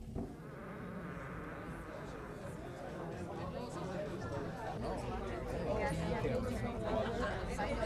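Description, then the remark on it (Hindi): A crowd of people chattering at once, a dense, steady babble of many overlapping voices that swells slightly louder toward the end, with no single speaker standing out. “इस समय लोगों की भीड़ का क्या कहना, उससे दसवीं भीड़ भी नीलामी की जगह पर नहीं थी।”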